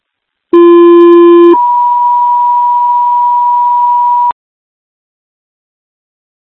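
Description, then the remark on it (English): Two-tone fire dispatch pager alert for a working structure fire at 5554 Lee Center, Tiger Grove: a short lower tone for about a second, then a long, higher steady tone lasting nearly three seconds, loud and clear with no voices. “County Car 14 notification for a working structure fire 5554 Lee Center Tiger Grove.”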